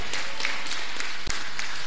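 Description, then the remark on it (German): An audience applauds a raffle winner, with many hands clapping in a dense, steady patter that holds at a fairly loud level throughout, with no voices on top. “Applaus für den Gewinner.”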